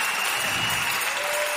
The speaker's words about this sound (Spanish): ¡El Cristo viviente resucitó! Dale un fuerte aplauso al Hijo de Dios.